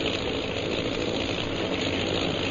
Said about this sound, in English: Oh, those sure are some planes. They must be bombers.